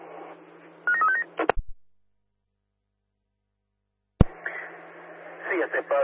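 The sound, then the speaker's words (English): A quick burst of telephone dialing tones over a hissy radio channel as a requested phone call is placed, cut off abruptly, then silence broken by a sharp click before the static returns with muffled chatter. “Roger, and can you give me a phone call please as well, over. Fine, calling now.”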